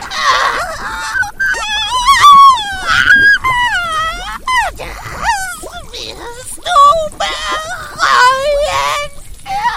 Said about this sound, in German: Erschrocken drehte sie sich jedoch um, als ein Schrei aus dem Inneren des Hauses ertönte.